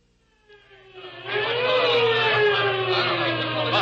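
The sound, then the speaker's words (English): A police squad car arrives with its siren wailing over a revving engine, the sound swelling quickly from faint to loud, then holding steady. No one speaks. “Well, thank goodness that squad car picked us up as soon as it did.”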